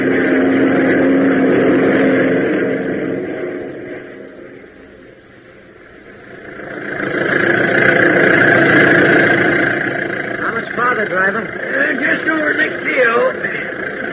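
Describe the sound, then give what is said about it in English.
The engine of an old car, about 20 years old, drones and strains as it climbs a hill on the way to Flemington, its loud rumble easing briefly before revving back up, with voices murmuring over it near the end. “I heard that, young feller, and I'll have you know this car's as good as the day she was made.”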